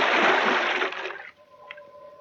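A loud, rushing splash of a scuba diver with air tank, face mask and mouthpiece diving into deep water off Point Dume fills the first second, then fades quickly into quieter bubbling and faint submerged tones.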